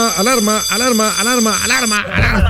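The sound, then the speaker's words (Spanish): A loud voice mimics a wailing alarm, looping a rising-and-falling tone about half a dozen times before breaking off into a burst of rough noise. “Alarma. Evacuar.”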